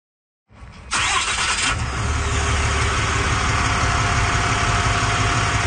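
A truck engine cranks briefly, catches and roars to life, then settles into a steady, rumbling idle with a constant low vibration; a resident's truck used for a neighbourhood safety patrol in Calgary.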